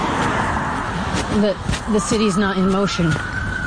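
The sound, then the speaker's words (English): A distant emergency vehicle siren wails with a slow rising tone in an empty city beneath a person speaking, set against a steady low background hiss with little other traffic noise. “It's just sirens, which when we used to hear them in context with other vehicles, wasn't so noticeable, but now you just hear the sirens from so far away.”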